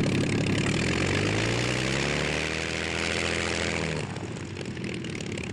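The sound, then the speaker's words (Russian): A propeller aircraft engine drones loudly as the planes land in pairs, its pitch rising steadily as it runs, then cuts to a lower, rougher idle near the end. No voices are heard. “Самолеты двойками приземляются.”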